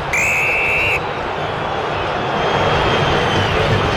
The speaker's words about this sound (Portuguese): Vaias da Fiel para atuação corintiana nessa primeira etapa, o Fluminense vence o jogo, gol do Hulk, 1-0 aqui em Itaquera.